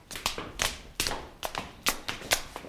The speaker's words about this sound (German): Wir steigen jetzt die Treppe hinauf in den Rittersaal.